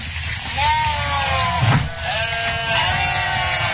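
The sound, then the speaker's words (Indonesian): Several goats bleat in wavering, overlapping cries, loud, with one rising call after another over a busy farmyard background. “Dipinjemi tapi tak buat beli kambing gitu nah. Kambing.”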